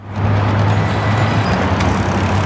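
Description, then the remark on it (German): Dense traffic at an eight-lane street intersection in eastern Beijing, China, rumbles steadily, a continuous low engine drone from cars and heavy vehicles with a faint hiss of passing tires and a brief air-brake sigh, no voices. “Eine Straßenkreuzung im Osten Pekings. Auf 8 Spuren überschneidet sich der Verkehr.”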